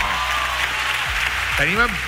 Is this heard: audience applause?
yes